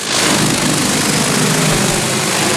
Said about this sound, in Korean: 대형 드론이 날아오르더니